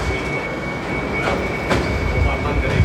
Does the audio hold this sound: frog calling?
no